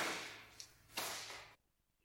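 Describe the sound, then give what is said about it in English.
A whip cracks sharply, a quick snap followed by a louder, hissing crack that rings briefly before cutting to near silence. The cracks are loud, with no voices. “Oh, he whips me around the house in minutes. Oh, let's get cracky.”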